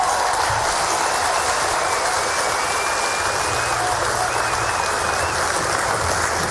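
Sustained audience applause for a band after its performance on a Nancy Web TV broadcast, a dense, steady wash of clapping at an even loudness throughout, with faint whistles or cheers riding over it.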